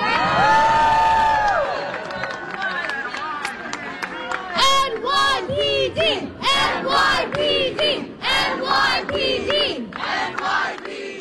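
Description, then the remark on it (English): A large crowd at a peaceful protest in New York cheers and shouts loudly, thanking and applauding NYPD officers present, rising voices and whoops swelling into a sustained roar, with scattered clapping mixed into the din for about eleven seconds. “The people thanking the New York Police Department and applauding the NYPD officers that were present for the peaceful protest where no one was attacked, no one was bloodied, no one was arrested, no property was damaged,”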